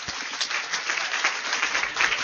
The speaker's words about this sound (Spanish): Con el aplauso de ustedes.